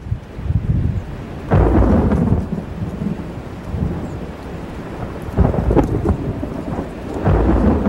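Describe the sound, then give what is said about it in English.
A summer afternoon thunderstorm in the Swedish countryside rumbles with deep, rolling thunder over steady rain, the thunder swelling in several heavy bursts before fading back into the hiss of rainfall. No voices are present. “While I was still a few miles from home, a thunderstorm broke on the horizon.”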